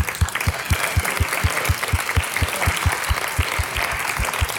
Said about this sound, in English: That's your applause, give it up for yourselves.